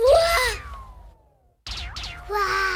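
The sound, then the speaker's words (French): A child's voice lets out a loud, strained dinosaur-like roar that trails off into a falling whine, then after a brief pause roars twice more in rough, wavering bursts. “Il crie, le dinosaure.”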